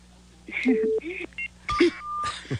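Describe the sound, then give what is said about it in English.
An incoming phone call connecting: a quick sequence of short electronic dialing beeps and steady tones, clear, with faint muffled voice-like fragments mixed in over a low line hum. “We got a phone call.”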